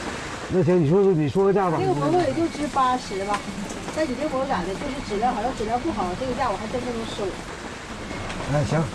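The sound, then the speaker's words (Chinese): Steady rain hisses in the background for the whole stretch, a constant wash of noise beneath a voice that talks over it throughout. “因为赶上下雨，这批货必须要尽快出手。”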